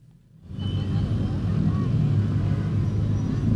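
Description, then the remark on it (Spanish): Busy street traffic at the intersection of Avenida 28 de Julio and Avenida Arequipa in the Cercado de Lima rises in after a brief quiet moment, then holds as a steady, dense rumble of engines and tires, fairly loud throughout. “Nos encontramos en el cercado de Lima, en el cruce de la avenida 28 de Julio con la avenida Arequipa, porque esta es una de las vías que cuenta con una ciclovía principal”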